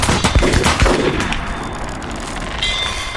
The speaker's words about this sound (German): Anlegen. In die Wolken. Und Schuss.